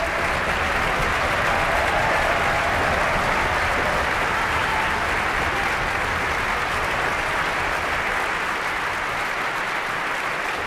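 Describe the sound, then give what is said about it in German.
Loud, sustained applause from a large audience at a concert by a radio symphony orchestra in Vienna, a dense steady roar of clapping in a concert hall that continues without a break throughout. “tosender Applaus für das ORF-Radiosymphonieorchester Wien und Marin Orsak”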